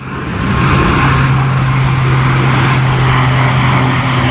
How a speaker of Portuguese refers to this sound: Às 6 da tarde, o silêncio no bairro do Talude só é quebrado pelo barulho ocasional dos aviões.